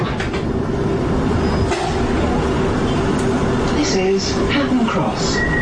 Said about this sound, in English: Customers for Heathrow Terminal 4 should change across platform at this station for a train to Terminals 4 and 123. This is a Piccadilly line service to Cockfosters.